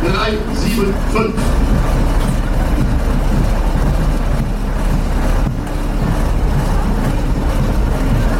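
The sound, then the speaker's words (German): The engine of an old, historic 1972 tractor unit with 350 horsepower rumbles loudly and steadily, a deep continuous drone that barely changes as it passes, with indistinct voices mixed into the background noise. “Das Baujahr 1972 mit einer erstaunlichen Wettleistung von 350 PS.”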